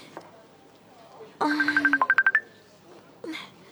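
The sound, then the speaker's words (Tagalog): The speaker's own cellphone rings with a quick run of bright electronic beeps lasting about a second, loud, followed by a short bit of voice. “Oh, Sharia, daligid lang, ha. Ang cellphone ko.”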